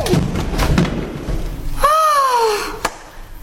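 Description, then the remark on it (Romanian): Low rustling and rumbling give way to a descending, whistle-like harmonic glide, ending in a single short, sharp thud as a man, one of the first humans, falls from a tree and hits the ground. “Chiar acum a căzut din pom.”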